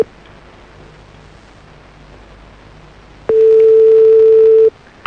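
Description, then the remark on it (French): A faint, steady hiss runs for about three seconds, then a single loud, steady mobile phone tone at a mid pitch sounds for over a second and cuts off abruptly, as a call is placed back. “Ça rappelle. On rappelle. Un truc qui est bizarre avec son téléphone.”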